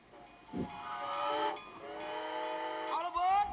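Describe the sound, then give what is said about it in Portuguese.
A steam train hisses and blows a long, sustained whistle with stacked harmonic tones, rising and falling in pitch as it pulls in, loud, with a short burst of steam near the end. “Comboio da Briosa, proveniente de mais uma semana desportiva, acaba de dar entrada na linha do Prognósticos, onde termina a sua marcha”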